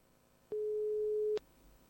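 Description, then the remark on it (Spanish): A single steady telephone tone of a call not yet answered sounds at one pitch for just under a second, starting and stopping with clicks, clear and fairly loud over a quiet background with no talking. “Ah, no, si no me la han cogido.”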